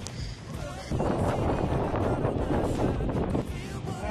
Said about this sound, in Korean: 괜찮은데 바람이 불고 있어요.